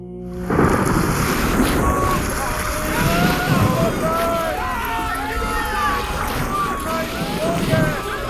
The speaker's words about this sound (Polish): Boże żywiołów morskich, uczyń coś, aby przeminął w końcu ten huragan i uśmierzyły się złowrogie fale, które z dna piekieł wznoszą się pod niebo. Burzo! Co czynisz?